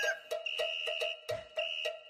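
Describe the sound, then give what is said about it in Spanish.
A vacuum cleaner runs with a steady, high-pitched motor whine, broken by repeated short bursts of rougher noise about every quarter second. No one speaks. “Ah, no, Contarren es la aspiradora, señores.”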